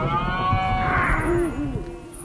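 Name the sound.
red deer stag bellowing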